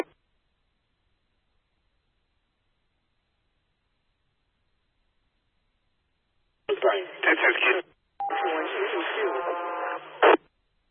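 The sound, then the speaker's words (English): After a long silence, two short bursts of tinny radio transmission arrive; the second has garbled, overlapping voices and a steady whistling tone, from two radio stations transmitting at once, a double. “Sounded like a double there, I think.”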